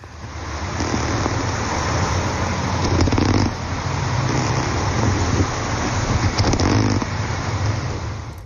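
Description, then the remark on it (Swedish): Underwater recording of goldsinny wrasse sounds in the Baltic Sea: low, rough grunting and purring pulses repeating over a steady wash of hissing background noise, with no voices. “Och nu fick vi höra snultra.”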